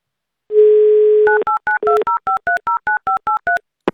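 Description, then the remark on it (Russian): A steady telephone dial tone hums for about a second, then a quick run of around a dozen evenly spaced touch-tone beeps dials a number, ending with a sharp click, as the Avtoradio radio station phones a listener. “давайте-ка мы ему и наберем.”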